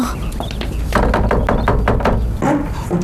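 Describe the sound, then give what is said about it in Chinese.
The door of a home creaks open in a series of squeaky, uneven groans broken by sharp clicks and a dull thunk, loud over a low background rumble. “哎，门开了。”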